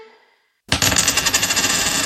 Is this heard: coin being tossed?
yes